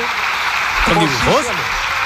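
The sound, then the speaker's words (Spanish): Steady applause from the government members in a parliamentary chamber at the end of the president's speech, all of the government except Margarita Robles clapping; a dense, even patter of many hands, with a brief voice calling out partway through. “Oye, se oían ahí bastantes aplausos al final de todo el gobierno, salvo de una persona.”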